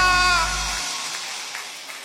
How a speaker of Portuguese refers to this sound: palmas fortes pro que ele merece.